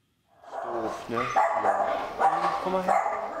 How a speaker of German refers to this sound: ein alter, kranker Mischlingshund, vor 3 Wochen zu Ferienbeginn ausgesetzt. Dieser Hund braucht erstmal einen großen medizinischen Aufwand, wahrscheinlich auch Physiotherapie etc.